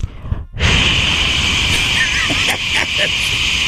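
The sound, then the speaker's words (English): At an event, a host blows a loud, steady, breathy hiss into a microphone, imitating white noise to quiet a crowd of hundreds before introducing a speaker. It starts after a brief dip and holds for about three seconds, wavering slightly near the end. “And I create white noise over the mics.”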